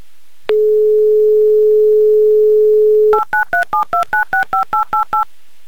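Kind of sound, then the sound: signal or alarm, telephone number being dialed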